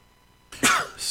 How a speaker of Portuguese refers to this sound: Desculpe, espirro veio, né?